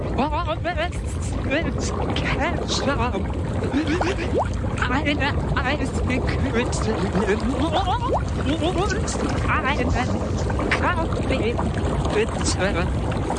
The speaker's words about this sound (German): Du meintest, du kannst erraten, was ich unter Wasser sage.